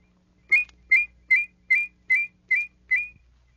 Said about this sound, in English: With a fast la-la whistle, you can produce two notes so closely they sound in harmony.